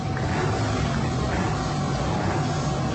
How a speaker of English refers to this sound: Here they go. Yep. There's some horsepower there. Boy, they are. They are revving up those bikes. We'll let you enjoy the sound of these motorcycles when they go by.